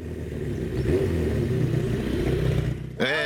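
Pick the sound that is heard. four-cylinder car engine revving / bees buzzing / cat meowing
four-cylinder car engine revving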